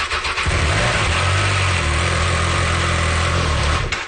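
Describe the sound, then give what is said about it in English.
A Triumph 660 Sport light touring motorcycle engine cranks and catches, then settles into a steady, loud idle with a low throbbing rumble that holds for a few seconds before cutting off. “It's a light touring bike. Very nimble, very agile. Great for city and highway. How fast can it go? As fast as you want.”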